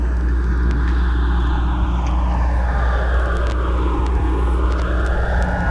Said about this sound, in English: The reason I wanted to drop this, yeah, kind of sounds like we're getting on a plane.